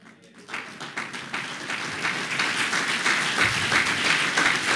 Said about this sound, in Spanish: Si van a aplaudir, no tengan miedo, hermanos. Aplaudenle al Señor, porque ustedes, hermanos, son los instrumentos que Dios ha puesto en este lugar.